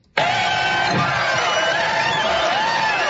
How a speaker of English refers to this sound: It almost sounds like we added that soundbite at the end of the crowd cheering there.